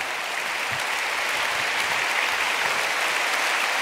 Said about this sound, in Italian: Ti ringraziamo veramente, questi applausi dicono del gusto con cui ti abbiamo ascoltato.